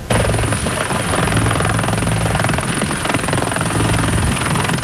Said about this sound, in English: He arrived on Île Bizard in a military helicopter.